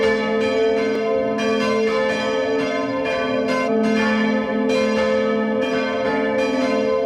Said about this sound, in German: Es ist 12 Uhr. Sie hören die Glocken der Pfarrkirche Neukirchen bei Lambach in Oberösterreich.